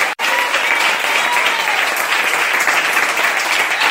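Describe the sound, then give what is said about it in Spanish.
An audience breaks into loud, sustained applause to the Lord, a dense steady wash of clapping from many hands that continues evenly without pause, with no voices standing out. “Un fuerte aplauso al Señor en esta hora.”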